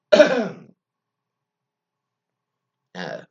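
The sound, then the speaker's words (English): A raspy throat clearing with a rough cough-like burst, followed by a long silence and then a second shorter throat clear near the end. “Hey, the funny thing is, a lot of times on the radio, you think people are not coughing, but listen really close.”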